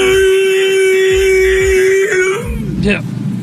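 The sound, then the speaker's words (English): A man's voice imitates a T-Rex roar mating call: a loud, steady, droning hum held for about two seconds, ending in a brief wavering, rising warble. “It's time for the mighty T-Rex roar mating call like to woo guy.”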